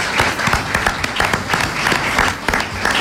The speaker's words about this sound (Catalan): Sisplau, un aplaudiment.